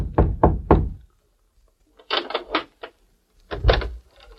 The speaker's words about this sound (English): It was after dark when Nick rapped softly on the door of a hotel room in Mayville.